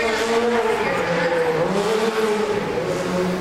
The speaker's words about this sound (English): Guys, can we get the hero car to set, please? Hero car to set.